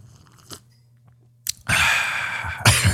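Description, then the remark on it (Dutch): A quiet pause with a faint low hum, a couple of soft clicks, then a loud slurping sip of coffee that continues noisily to the end. “Ab ham jaila slok wale, we, sunie.”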